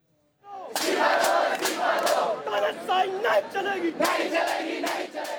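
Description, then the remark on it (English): A large crowd of thousands of protesters, mainly students, in New Delhi, India, shouts and roars continuously as tear gas is fired at them and hundreds of police are deployed. The sound is loud, with overlapping voices, sharp bursts of yelling and a few percussive cracks rising above the din. “Tear gas has been fired at thousands of protesters who are gathering in the Indian capital”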